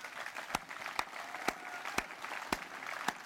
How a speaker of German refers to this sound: Vielen Dank. Und ja, Applaus.